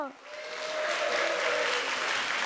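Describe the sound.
An audience breaks into applause welcoming the Chumbit dance troupe and the Sori Soeun performers at a traditional arts show. The applause swells within a moment and holds steady, a dense, loud patter of many hands clapping, with a faint voice briefly audible beneath it.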